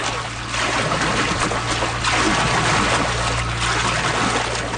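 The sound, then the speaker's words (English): Continuous splashing and churning water from the paddles of dragon boats arriving at Mooney's Bay for an annual race weekend, with irregular bursts over a steady low hum, loud throughout, with no voices. “That was the scene at Mooney's Bay yesterday as the first few dragon boats arrived in town for the annual race weekend.”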